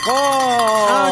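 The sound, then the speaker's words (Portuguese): A bell is rung to wake people up, ringing out in a loud, steady metallic tone with bright overtones, holding for about a second with a slight waver in pitch and no talking over it. “Vamos tocar o sino, pai.”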